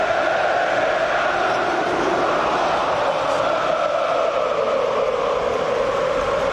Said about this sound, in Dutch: Daar wordt toegezongen door het Feyenoord publiek.